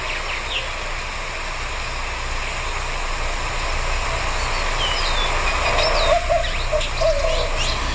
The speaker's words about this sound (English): Let's listen. White-winged dove.